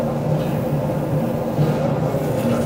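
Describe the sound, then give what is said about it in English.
Steady low rumble and rattle inside the club car, the last car of a moving passenger train in two sections of 19 cars, a continuous mechanical drone with faint tonal hum, fairly loud and unbroken, with no talking. “I'm in the club car. That's the last one of this particular train.”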